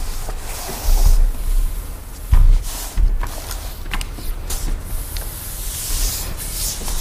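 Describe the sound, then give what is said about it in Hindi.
A yoga mat scrapes and rubs across the floor in several uneven drags, with a few heavier thumps as it is shifted and turned to face a new direction, fairly loud with no talking. “हम मैट को इस दिशा में घुमा लें, क्योंकि मैं चाहती हूँ कि कैमरा पे एक प्रॉपर एंगल आए।”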